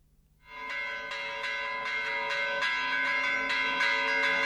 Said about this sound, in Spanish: Este es el del Santísimo Cristo de la Laguna, que no tiene unas grandes campanas, pero son como mucho más finitas.